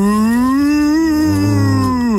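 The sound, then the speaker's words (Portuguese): A person imitates a cow with one long, sustained low moo that holds steady for about two seconds before dropping off at the end, loud, with no other talking. “Como é que a vaca fazia? Isso é uma bobada, você não é uma vaca.”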